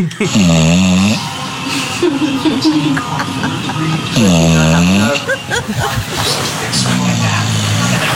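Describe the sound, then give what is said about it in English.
A 10-year-old dog, asleep on a person's foot, snores loudly in three drawn-out, rumbling breaths a few seconds apart, each with a raspy, droning tone that rises and falls, separated by quieter breathing and rustling. “Yeah, the dog is completely unbothered. Like, it's done this before.”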